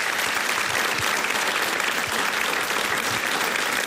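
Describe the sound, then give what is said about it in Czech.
A packed studio audience applauds steadily, a dense, continuous wash of clapping hands filling the room at close range for the whole stretch, with no voices standing out. “Takhle vám tleská nabité hlediště.”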